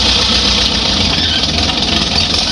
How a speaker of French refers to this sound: C'est quoi ? C'est un tracteur. Un tracteur, bon, c'est d'accord.